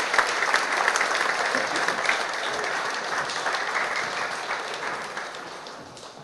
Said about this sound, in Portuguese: Então, vamos fazer uma salva de palmas, porque esse foi um serviço muito grande.